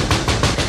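Gamekeeper Marucha knocks on a door, four quick, firm knocks in a steady rhythm, with no voices around them.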